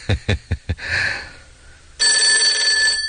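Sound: telephone bell ringing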